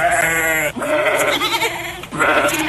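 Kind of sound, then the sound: animal, sheep bleating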